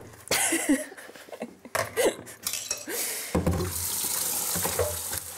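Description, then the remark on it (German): Hot water gushes steadily from a kitchen tap into a sink in the bear house, used to loosen a frozen ice-bomb treat from a bucket; a loud, continuous rush that starts partway through, preceded by a few clinks and clatters of dishes. “Ein wenig heißes Wasser könnte gute Dienste tun.”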